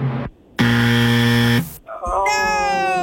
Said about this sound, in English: You had to hear the buzzer and that voice crack. That's just awful.